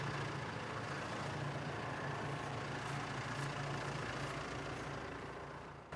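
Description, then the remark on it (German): A tractor engine idles steadily after stopping a few metres on, for safety, as the waterlogged ground beneath it begins to float, with a low, constant rumble, without any talking, holding the same level throughout before fading slightly at the end. “Aber nach wenigen Metern hält er schon wieder an. Zur Sicherheit. Der Boden unter dem Traktor beginnt zu schwimmen.”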